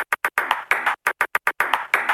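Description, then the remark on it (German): A table tennis ball clatters out a Morse code pattern: crisp short taps mixed with longer rattling bursts, separated by brief silences, fairly loud, with no talking. “Dann interessieren Sie sich entweder für Morse-Tischtennis oder es liegt daran.”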